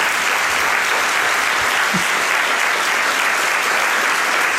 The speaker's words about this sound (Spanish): Me está mirando con ojos de fuego para que no la aplaudamos, pero un fuerte aplauso para ella.